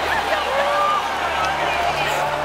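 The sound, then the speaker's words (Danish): An arena audience roars steadily as Israel's viewer votes are announced in the hall, a dense wash of many voices with whistles and higher shouts rising above it, mixing cheers with lower sustained booing throughout. “Der bliver jublet hos nogle publikum, og der bliver buet hos andre.”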